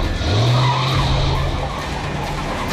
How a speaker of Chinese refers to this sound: 开车！ 陈一鸣一声令下，大卡车开足马力，一溜烟的开走了。